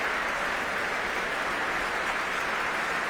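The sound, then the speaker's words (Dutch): Sustained applause from a large audience in the Main Hall of the Concertgebouw on Thursday evening, 24 September, for the musicians: a dense, steady wash of clapping hands that stays loud and even throughout, with no voices rising above it. “En applaus nu ook voor de verschillende muzici.”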